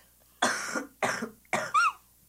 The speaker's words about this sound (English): One second, I need to cough.